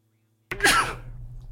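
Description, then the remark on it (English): A single sudden, loud sneeze bursts out of silence, with a sharp explosive peak that quickly fades into a low, noisy tail. “I always have to sneeze.”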